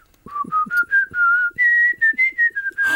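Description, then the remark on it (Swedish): A person whistles a simple song tune, a string of clear sustained notes stepping up and down in a steady melodic rhythm, with soft breathy onsets between phrases and no talking. “Nej, men jag kan nog vissla på några …-sånger faktiskt. Får jag höra? Jag kan prova en.”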